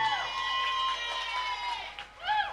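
A crowd cheers and shouts loudly for a contestant as the first princess of the night is chosen, high voices whooping and calling out over a steady wash of noise that swells again at the end.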